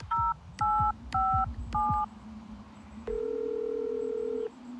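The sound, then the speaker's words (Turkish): Four short two-tone telephone keypad beeps in a quick, even sequence as someone dials 112 to call an ambulance, followed by a steady, longer single tone like a ringback or dial tone, heard alone over a low background hum. “Ambulans arayın çabuk.”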